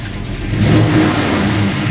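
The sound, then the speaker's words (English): A vintage car engine at a classic car show in Oskaloosa, southeastern Iowa, revs loudly, rising in a throaty surge around the middle before settling into a steady rumble, with no voices over it. “That's the distinctive sound of vintage engines at the Oskaloosa Classic Car Show in southeastern Iowa.”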